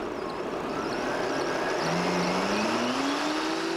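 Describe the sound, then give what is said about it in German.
An electric motor whine climbs steadily in pitch as an electric fatbike accelerates without pedaling, up to 38 km/h, over a constant rush of wind and tire noise, fairly loud, with no talking. Recorded at police bicycle checks in Gronau. “Ohne Trittimpuls beschleunigt es auf bis zu 38 Stundenkilometer.”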